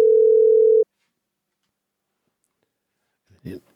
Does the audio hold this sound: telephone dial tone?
yes